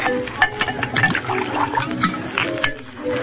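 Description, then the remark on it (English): Liquid glugs and splashes steadily into a glass for a few seconds, with small clinks and trickling bubbles as it fills. “Pour yourself a drink.”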